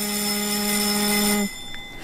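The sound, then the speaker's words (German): The voting gong of the German Bundestag, the signal calling members to a vote, sounds as a steady, loud electronic tone with a buzzy harmonic edge, holding for about a second and a half before cutting off, followed by brief quieter residue. “Selbstverständlich, das ist der Gong im Deutschen Bundestag, den man viele, viele Male gehört hat und wo man viele Male immer zur Abstimmung musste.”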